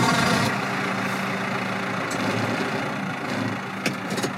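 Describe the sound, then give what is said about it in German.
A tractor engine rumbles steadily, a continuous low drone with a faint metallic rattle and a brief clank near the end, with no voices. “Seit wann fährst du Traktor?”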